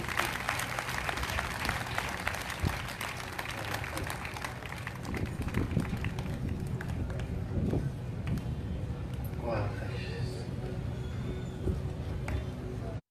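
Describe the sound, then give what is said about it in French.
An audience applauds steadily and loudly, a dense crackle of many hands clapping for the whole stretch, with a few voices calling out over it, applauding God. “Applaudis mon Dieu réellement.”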